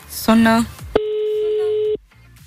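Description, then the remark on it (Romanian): A phone ringback tone sounds during a Pro FM radio call to a listener in Galați: one steady, low-pitched buzzing ring lasting about a second, then cutting off, preceded by a brief louder harmonic burst. “Sună.”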